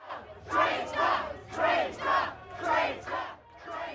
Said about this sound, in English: The Prime Minister booed and heckled when he visited the area where two Jewish men were stabbed in North London this week.